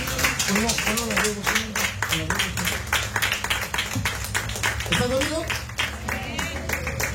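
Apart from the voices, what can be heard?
audience clapping hands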